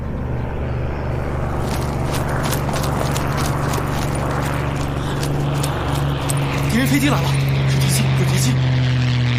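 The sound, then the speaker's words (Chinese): A low, steady engine drone of approaching enemy aircraft swells slightly louder toward the end, its pitch rising, over a busy background of clattering and hoof-like knocks. “敌人飞机来了， 是敌机， 有敌机。”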